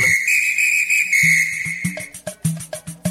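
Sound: whistle blast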